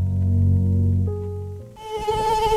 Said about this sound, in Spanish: Ya llega el buen tiempo y con él los visitantes no deseados en tu hogar, las moscas y los mosquitos.